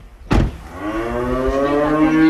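A cow on a farm lets out one long, loud moo, a deep droning bellow that swells and holds for about two seconds after a short sharp start, with no talking.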